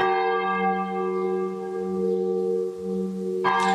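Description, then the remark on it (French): Church bells ring in the south bell tower of a church, where two enormous bells hang, including a bourdon of about 2 tonnes. A rich, sustained hum of overlapping tones fades as the peal ends and the swinging slows, then a brief clatter near the end. “Voilà, c'est la volée qui se termine.”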